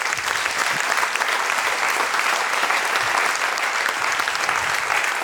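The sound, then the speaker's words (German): Sustained audience applause at a ceremony for a woman called up to the stage, a dense wash of many hands clapping steadily at an even, fairly loud level throughout, with no voices standing out. “Bitte kommen Sie beide zu mir und einen Applaus”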